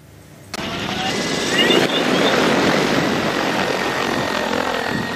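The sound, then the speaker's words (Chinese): A crop-spraying agricultural drone's rotors kick in abruptly and hold a loud, steady buzzing whine with a broad rushing hiss, continuous, as it flies spraying over a rice paddy in Jiajiang County, Leshan, Sichuan, China. No one speaks. “在四川乐山夹江县的一处水稻田边，顾茂元正操控着植保无人机进行飞防作业”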